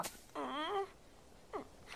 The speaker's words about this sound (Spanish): Vaya, está roncando. Esta ranita necesita dormir más, Pijín.